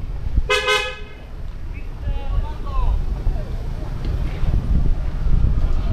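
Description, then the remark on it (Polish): Car horns give a quick double honk near the start, loud, followed by steady street rumble and wind noise with faint sounds. “Trąbią samochody.”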